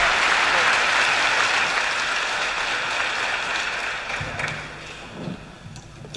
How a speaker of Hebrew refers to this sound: רחש בקהל.